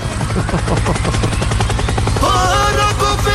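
A loud helicopter rotor chops in a fast, steady rhythm at the opening of a song, then a bright melodic line enters over the whirring beat. No one speaks.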